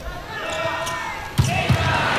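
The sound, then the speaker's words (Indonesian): A player's hard spike slams a volleyball during a match, followed a moment later by a second sharp smack, both ringing out over steady arena crowd noise and a commentator's voice. “Keras sekali pukulan dari Boy Arnes.”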